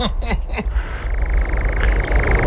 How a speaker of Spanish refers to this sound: Y aquí el ladrido de un corzo, ya lo vimos la semana pasada.